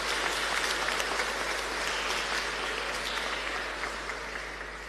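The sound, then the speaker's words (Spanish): An audience at a church Mass applauds steadily for the children on Children's Day, the sound of many hands clapping sustained throughout and slowly tapering off at the end with no talking over it. “Por su día, un aplauso fuerte para ellos.”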